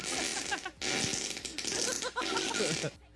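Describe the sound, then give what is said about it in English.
A loud fart sound effect: a few long, raspy, sputtering blasts in a row with brief breaks between them, prominent, then cutting off. “I want to fart on the city of Dallas.”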